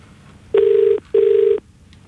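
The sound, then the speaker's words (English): A telephone ringback tone on an outgoing call to Damo: two steady, buzzy tone bursts in quick succession, clear and fairly loud over faint background hiss, with no one speaking. “But we'll see if we can get Damo on the phone.”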